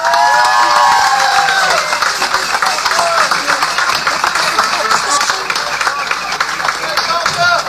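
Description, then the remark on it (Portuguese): A crowd applauds a woman being thanked for her work on a project, dense clapping holding at a loud, even level throughout, with cheers and whoops rising over it at the start. “Peço uma salva de palmas para ela.”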